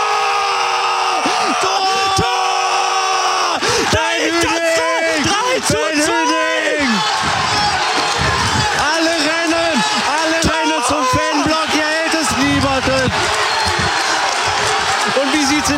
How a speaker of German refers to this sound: Und hier jubeln alle Essener. Pyrotechnik im Essener Block. Die Spieler sind bei den Fans. Alle, die gesamte Bank. Hier hält es niemanden mehr.